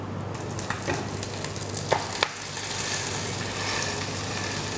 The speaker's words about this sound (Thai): ในตำราของนักเรียนอาหารฝรั่งเขาจะบอกกันไว้ว่าเวลาเอาปลาลงแล้วเนี่ยให้กดปลาไว้สักพักหนึ่งเพื่อที่ว่าหนังจะได้แนบสนิทไปกับตัวกระทะ